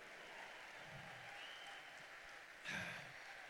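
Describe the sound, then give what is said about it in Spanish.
A crowd at a Christian gathering applauds steadily throughout, a dense, even patter of clapping, with a brief louder swell near the end. “Dale fuerte el aplauso.”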